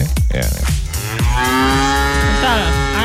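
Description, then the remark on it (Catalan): A cow moos loudly, a few short throaty calls giving way to one long, drawn-out bellow that fills the rest of the moment, with no voices present. “És un projecte que va néixer en una granja de 150 vaques al mig de les Guilleries.”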